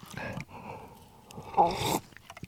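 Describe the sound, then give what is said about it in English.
A noisy slurp of someone sipping a cold latte without milk or ice, with a brief hiss and soft mouth sounds before and after, and no talking. “Let's have a bit more, shall we?”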